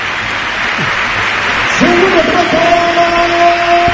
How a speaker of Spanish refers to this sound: Ovación total y absoluta para Yago Aspas, que ha vuelto a hacer gol, que ha vuelto a la titularidad.